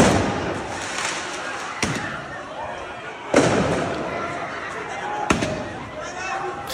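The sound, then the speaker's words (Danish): Fireworks are set off in an open street during student protests in France: three sharp, loud bangs at irregular intervals, separated by a few seconds, over a constant noisy outdoor din with voices in the background. “Så affyres der også fyrværkeri på åben gade.”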